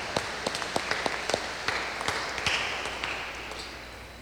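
Audience applause: many hands clapping in an irregular patter with sharp individual claps standing out over a steady wash of noise, moderately loud and gradually thinning toward the end.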